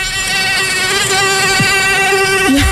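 A loud, steady, high-pitched whine with a thin nasal buzz that wavers slightly in pitch, like a mosquito droning continuously for a few seconds with no other sounds.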